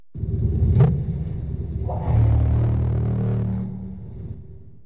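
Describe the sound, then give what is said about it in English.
A low, purring thrum of a call rumbles steadily for several seconds, growing louder about halfway through before easing off, with a single brief click early on and no voices. “Almost like that was like a purr.”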